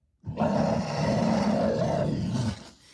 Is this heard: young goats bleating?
no